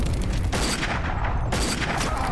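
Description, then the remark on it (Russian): Two loud bursts of rapid submachine gun fire, each lasting about half a second and separated by a brief gap, fired at infantry lying behind a tank, over a steady rumbling battle background. “Москаленко стреляет в залегшей за танком пехоте”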